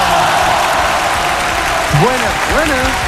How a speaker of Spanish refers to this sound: Oye, y tengo un invitado, como siempre, lo recibimos con el aplauso que se merece al diputado Jorge Brito.